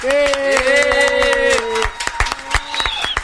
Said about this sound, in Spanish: Díganme con un aplauso si ha sido el mejor entrevistado de la radio.